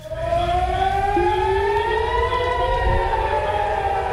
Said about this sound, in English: That was the sound of air raid sirens in Haifa.